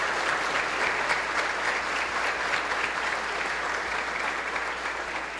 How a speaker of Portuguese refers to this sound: Vamos acolher as nossas novas coroinhas com uma salva de palmas. Que bom!